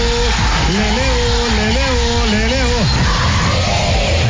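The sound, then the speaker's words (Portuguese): A Brazilian TV studio audience full of women screams loudly, with one drawn-out wavering shriek standing out for about three seconds over a dense, constant roar of crowd noise. “Junto com essa plateia cheia de mulheres gritando e olha o aviãozinho.”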